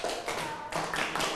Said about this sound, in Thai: ปรบมือ5ครั้ง